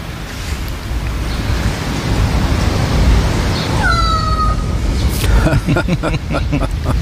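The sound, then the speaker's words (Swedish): A crow gives a single drawn-out, falling meow-like call, mimicking a cat, over a steady rush of wind and surf, followed by a few brief rapping sounds. “Se om vi får ett sånt här till jamande igen.”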